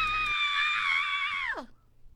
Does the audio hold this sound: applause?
no